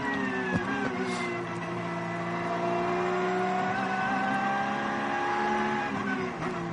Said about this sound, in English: That's the leading car just gone by.